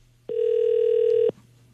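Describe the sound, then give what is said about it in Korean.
A single steady electronic telephone ringback tone sounds for about one second, clear and fairly loud, then cuts off into quiet line hiss as the call waits to connect. “신호 가고 있는.”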